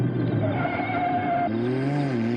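A car engine whines loudly and steadily, its pitch shifting down abruptly partway through as the car speeds past in the street and hits a kitten, with no voices present.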